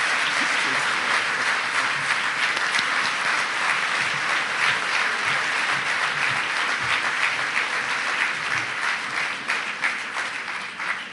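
Sustained audience applause, a dense, steady wash of many hands clapping at an even loudness for about eleven seconds, tapering slightly at the very end.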